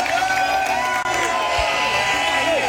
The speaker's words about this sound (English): Craig Ferguson is like a rock star as he enters the Common with thousands of people, many in kilts, cheering, reaching out to touch him, and spraying champagne.